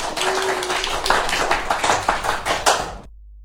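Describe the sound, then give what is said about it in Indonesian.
Lively studio audience applause, a dense patter of many hands clapping at steady loudness for about three seconds before cutting off abruptly into silence. “Tepuk tangan yang meriah dong teman-teman sekali lagi.”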